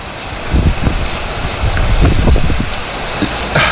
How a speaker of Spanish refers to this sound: Entremos en materia con la lluvia de fondo, lluvia en tiempo real, lluvia directa.